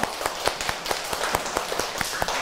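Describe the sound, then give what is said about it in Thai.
A group of schoolchildren clapping in applause for their classmates during a lesson, a dense, steady patter of many overlapping hand claps with sharper individual claps standing out, moderately loud and sustained throughout. “เก่งมากๆเลยค่ะขอเสียงปรบมือให้กับเพื่อนๆด้วยค่ะ”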